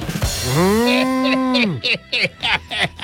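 A single long, loud cow moo swells and holds for over a second before dropping off, followed by a few quick bursts of other sound.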